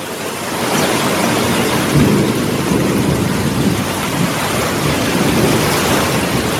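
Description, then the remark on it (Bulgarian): Heavy rain pours down in a steady, dense hiss, with low thunder rumbling underneath and swelling a couple of times. No voices, just the continuous roar of the storm. “Днес в цялата страна е обявен жълт код за краткотрайни, но интензивни дъждове и грамотевични бури.”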